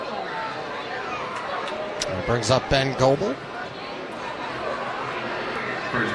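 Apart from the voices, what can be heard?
ballpark crowd chatter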